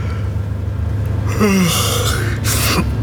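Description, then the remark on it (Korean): A drawn-out, breathy yawn from a man shaking off drowsiness after dozing on a moving bus, with a sliding, falling tone, followed by a soft exhale over a steady low background hum. “하품이 나왔다.”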